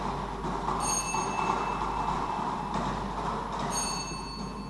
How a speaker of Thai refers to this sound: ขณะนี้พนักงานออกเลขรางวัลก็กำลังทำการหมุนอุปกรณ์วงกลมเป็นครั้งที่1เพื่อเฮ็ดให้หน่วยบาททั้งพวกหน่วยบาทได้สลับกันไปมา